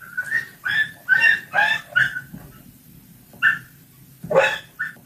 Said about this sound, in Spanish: Tal vez han podido ver el vídeo en el que un vecino de San Bartolomé propina golpes a un perro, lo hace en la parte trasera de una furgoneta.